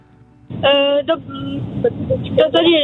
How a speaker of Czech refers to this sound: Mám pocit, jste v autě někde, nebo se mi to zdá? Ano, ano, jsme v autě.